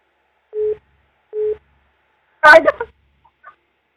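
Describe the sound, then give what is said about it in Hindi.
Two short, steady busy-tone beeps sound at an even pace as a phone call drops, clear, followed by a brief burst of a person speaking. “हाँ जी आवाज कटे गई थी जी”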